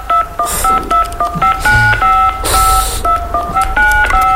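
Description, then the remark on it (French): A quick run of telephone keypad tones as the 16 digits of a credit card are typed in, over a dozen short two-tone beeps in an uneven rhythm, loud against a rough background hiss with a few noisy bursts between presses. “Alors tape tout d'abord les 16 chiffres de ta carte de crédit sur ton clavier.”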